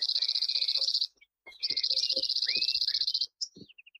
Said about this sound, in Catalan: Gratapalles, Emberiza quirlus. Au que trobem als camps de conreu, pròxims a tot el curs del riu.